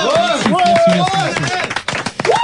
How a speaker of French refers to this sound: On peut l'applaudir.